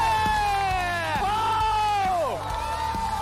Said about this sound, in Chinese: 今天的观众席上可谓是座无虚席，并且无数的人在为你欢呼，为你呐喊，为你加油。